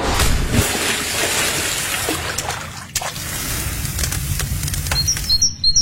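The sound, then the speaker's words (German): Summer outdoor ambience with steady chirping birds and a bright, continuous hiss of crickets, over a busy wash of splashing and crowd murmur from an open-air pool. “Ja, das waren jetzt knapp 8 Sekunden Sommer für euch. Grillen, Freibad, Vogelzwitschern.”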